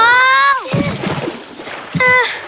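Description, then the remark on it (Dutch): Water splashes and sloshes in a short burst lasting about a second, framed by brief high-pitched vocal sounds before and after. “Water.”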